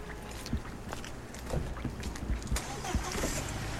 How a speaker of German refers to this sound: Jetzt machen wir draußen die Studiotür zu, weil die Autos sind ein bisschen zu laut.